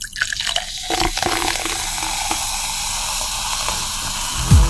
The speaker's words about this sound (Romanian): Sucul cu acid turnat în pahar.